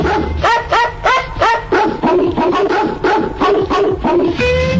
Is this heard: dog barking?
yes